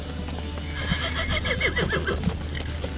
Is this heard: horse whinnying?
yes